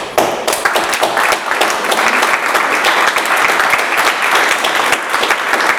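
Loud audience applause fills the whole stretch, a dense, steady wash of many hands clapping at once without pause, close and sustained with no voices on top.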